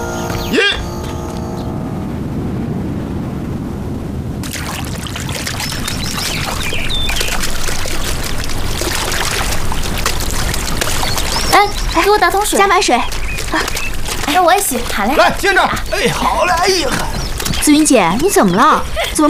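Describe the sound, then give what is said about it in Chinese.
Water pours steadily into a bucket as it is filled to the top for washing, with a continuous rushing splash, fairly loud; partway through, people start talking over the ongoing flow. “给我打桶水，加满水。”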